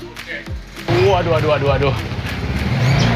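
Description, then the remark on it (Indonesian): A motorcycle engine starts rumbling loudly after a brief moment, idling and revving steadily to the end, with a voice speaking before it starts. The motorcycle is carrying a heavy load of about 60 kg about 200 meters and riding right into a production house. “Bahkan motor sampai masuk ke dalam rumah produksi karena saking beratnya.”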